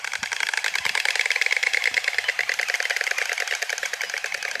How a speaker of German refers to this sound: Wissen Sie übrigens, wie vielleicht auch das kleine Geheimnis, dass so viele Paare dann auch wirklich Nachwuchs bekommen haben, funktionieren könnte? Es geht über dieses Schnabelklappern, ja? Vielleicht haben Sie das ja schon mal gehört.